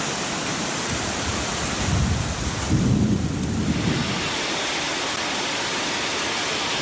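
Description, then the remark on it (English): Heavy rain pours in a dense, steady hiss during a violent thunderstorm with hail and powerful wind gusts in the northern part of Bangkok, Thailand, on the afternoon of October 1st around 4 p.m., while a low rumble of thunder swells in the middle and fades, with no voices present. “On the afternoon of October 1st, at around 4 p.m., a violent thunderstorm swept across the northern part of the city, bringing torrential rain, powerful wind gusts, and a burst of ice that clattered onto rooftops, cars, and sidewalks.”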